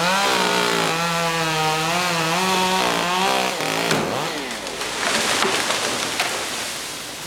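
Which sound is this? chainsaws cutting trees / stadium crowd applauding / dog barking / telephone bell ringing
chainsaws cutting trees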